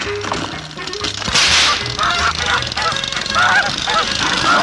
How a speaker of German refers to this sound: Das ist die blöde Gans!